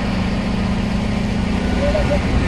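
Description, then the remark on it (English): A dump truck's heavy engine runs steadily, a low continuous rumble with a faint whine rising near the end as hydraulics raise the truck bed to unload about 3,000 kilograms of wet weeds from Dal Lake at a composting site. “I'm being told to move away as the truck bed is raised.”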